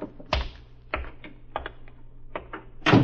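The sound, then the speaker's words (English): A series of sharp mechanical clicks and thumps as car doors open and close, ending in a louder slam, as a car pulls up at the head of an alley and two men get out. The sounds are distinct, with no voices. “Pulls up to the head of an alley, and two men get out.”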